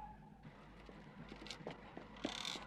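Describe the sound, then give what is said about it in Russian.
Quick, regular footsteps patter along at a running pace, fairly quiet, as a person runs toward a car, over a low outdoor rumble with no voices. “Бежит к машине.”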